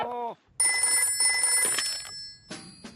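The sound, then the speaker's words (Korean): A telephone bell rings loudly in a long, shrill burst, pauses briefly, then starts ringing again, as a call is placed to the brown bear doctor about an injured foot. A short bit of voice comes just before the first ring. “불곰 의사 선생님한테 전화를 하는 게 좋겠어.”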